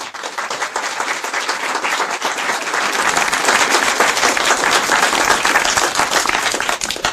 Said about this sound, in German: Und ich denke, sie haben sich einen Applaus verdient.